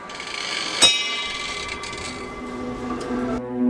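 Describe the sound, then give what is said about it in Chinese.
A mechanical chiming clock in a museum in Zhaoqing, a 1:1 replica of mainland China's first mechanical chiming clock from over 400 years ago, designed by Matteo Ricci, strikes one sharp metallic note that rings on in a bright, lingering tone, with faint mechanism clatter and a softer second strike near the end. “几乎每个月他都会来到博物馆亲自调试这座自鸣钟”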